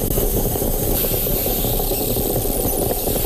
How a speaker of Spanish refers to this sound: Has cambiado el sonido de la cafetera. Ahora es una cafetera italiana.